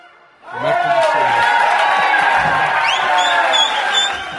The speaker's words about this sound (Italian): Non so se l'applauso era per voi o per noi che siamo riusciti a trovarlo in questo preciso istante del momento dove avete suonato, quando avete suonato.